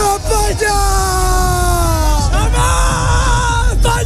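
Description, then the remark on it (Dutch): A large crowd of fans in Madrid roars and chants in unison after the final whistle of Spain's World Cup win, shouting long live Spain, sustained loud voices rising and falling together in a dense, continuous wall of sound with no pauses. “Nou, onder meer in Madrid klonk het na het eindsignaal zo.”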